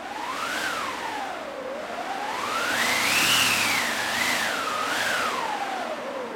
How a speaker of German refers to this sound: Dann habe ich noch einen Wind dabei. Da haben wir eine eigene Maschine, die sogenannte Windmaschine.